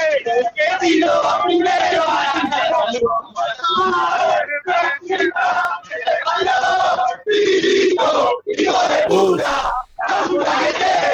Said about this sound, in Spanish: escuchá a la gente de Racing que ingresó al playón, está en el cilindro, escuchá.